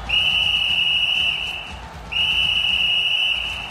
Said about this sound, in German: Jetzt pfeift der Schiedsrichter.